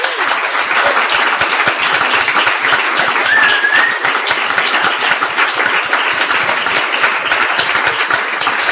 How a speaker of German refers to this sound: Bitte noch einen kräftigen Applaus für unsere Referenten.